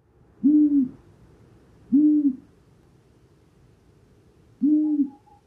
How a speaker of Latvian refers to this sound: Dažos aspektos ausainā pūce atšķiras no tā, kas ir mūsu klasiskais priekšstats par pūcēm. Bet tas, kas viņai atbilst mūsu klasiskajiem priekšstatam par pūcēm, ir ūjināšana. Bet ausainās pūces ūjināšana ir ļoti klusa.